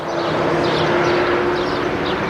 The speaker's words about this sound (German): Überall hört man den Lärm des Verkehrs.